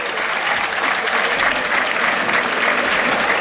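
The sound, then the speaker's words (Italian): Sustained applause from a large crowd at the Del Duca stadium as Ascoli's number 25, Andrea Rizzopinna, is substituted off; a dense, steady wash of clapping that stays loud and even throughout, with no voices standing out above it. “Rizzopinna esce, secondo me è stato uno dei migliori in campo, il numero 25, applauditissimo dal Del Duca”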